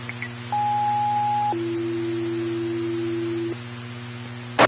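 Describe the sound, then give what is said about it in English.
A fire dispatch alert for Flemington engine 2, sent for an electrical hazard at 2014 Hutton Avenue: one steady high tone for about a second, then a lower steady tone held for two seconds, over a faint radio hum, ending with a short click. “Flemington, engine 2, tones for an electrical hazard at 2014 Hutton Avenue.”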